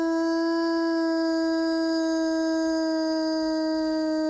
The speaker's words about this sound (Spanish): El aullido del lobo, el que escuchamos, un aullido real, un aullido llamando a su familia, este lobo.